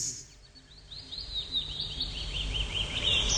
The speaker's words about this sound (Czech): Ptáčkové.